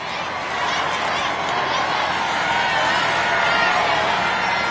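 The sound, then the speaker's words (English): Crowds on either side of the Champs-Élysées in Paris roar and cheer their approval as the Pope drives slowly down the road in his Popemobile, a dense, steady wash of many voices with no breaks, loud throughout the whole stretch. “The sound is the crowds on either side of the Champs-Élysées roaring their approval as he drives slowly down this 1.9-kilometre-long road at the heart of Paris in his Pope-mobile.”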